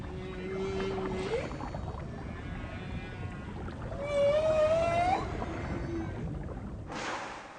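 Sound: whale vocalizations underwater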